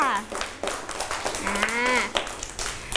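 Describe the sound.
A group of children claps in quick, uneven bursts of applause, fairly close and steady for a few seconds, with high young voices calling out over the clapping.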